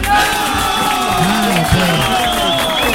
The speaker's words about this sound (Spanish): ¡El aplauso para Junín, muchachos!